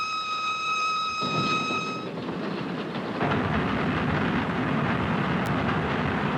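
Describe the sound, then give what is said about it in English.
A train runs along the rails, loud, a high whining tone at first giving way to a steady, heavy rumbling roar that continues to the end. “She's on the train.”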